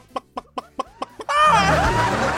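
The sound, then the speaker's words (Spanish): A person imitates a hen laying an egg as a kiss sound: six quick, evenly spaced clucks, then a loud, drawn-out, wavering squawk that runs to the end. “Ya por último, el beso de gallina poniendo un huevo.”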